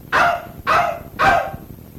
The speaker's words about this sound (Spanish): Anda contento el perrito, mire.